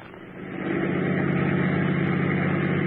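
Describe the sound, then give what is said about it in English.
A steady engine drone with a low rumble, rising slightly in level during the first half second and then holding even, like a car cruising along with no voices. “All right, park the car, quick.”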